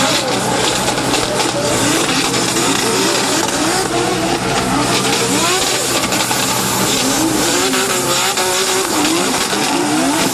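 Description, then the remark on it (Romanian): A drift car's engine revs hard and continuously during a drift demonstration on a track for visitors, its pitch sweeping up and down with bursts of tire squeal, loud throughout, with faint crowd noise underneath. “Vizitatorii au putut urmări și demonstrații de drift.”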